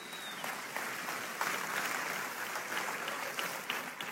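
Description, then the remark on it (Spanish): An audience claps steadily, answering a call during a sermon for a round of applause for 'the sniper', a dense wash of many hands that holds at an even, moderately loud level for about four seconds with no one speaking over it. “Un aplauso para el francotirador.”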